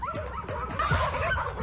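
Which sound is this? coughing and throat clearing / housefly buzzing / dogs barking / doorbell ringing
dogs barking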